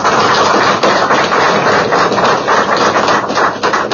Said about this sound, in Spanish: A los técnicos, a todos ustedes, amigos de la prensa, pero para nuestras autoridades y para ustedes, este aplauso de bienvenida.